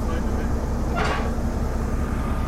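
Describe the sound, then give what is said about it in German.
A small old red diesel locomotive rumbles steadily at Seebruck station during a railway festival, with a low, throbbing engine drone, and a brief hissing clank cuts through midway as it shunts an open freight wagon. “Hier auf dem Bahnhof in Seebruck rangiert eine rote kleine alte Diesellok, einen offenen Güterwagen hat eben angesetzt.”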